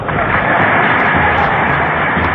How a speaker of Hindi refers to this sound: ये तालियों की गड़गड़ाहट जो अभी आपने सुनी, उस समय पर क्या माहौल रहा होगा आप अंदाजा लगा सकते हैं।